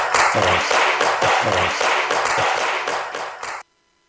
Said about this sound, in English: Once again, give him a great hand of applause.